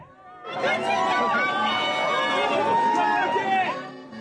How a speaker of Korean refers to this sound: 우리나라 축구대표팀을 맞이하기 위한 멕시코 몬테레이의 한 호텔 앞 풍경입니다. 이윽고 대표팀 선수들을 태운 버스가 도착하고 선수단이 내리자 환호와 카메라 셔터음이 쏟아집니다.